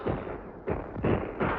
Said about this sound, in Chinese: 队伍刚刚撤走，敌人的炮弹便在空阵地上爆炸了。